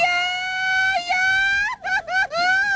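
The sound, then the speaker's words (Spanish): The famous ranchero grito of the program A Todo Galope: one long, high, sustained yell from a single voice, wavering and breaking into warbling trills near the end, loud and alone without any talk. “A todo galope con este grito famoso dentro de este programa.”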